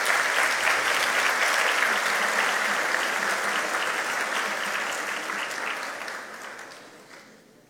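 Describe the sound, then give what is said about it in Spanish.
An audience welcomes a woman invited onto the stage, clapping steadily in a dense, crackling wash of applause that holds strong for several seconds, then gradually thins and fades out toward the end. No one speaks over it. “Y la recibimos con fuertes aplausos, por favor.”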